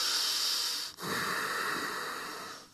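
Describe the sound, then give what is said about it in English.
Two loud, noisy breaths drawn through the nose during a yoga session, a rough hissing exhale followed by a brief pause and a longer airy inhale, with no talking. “Try not to breathe on this way.”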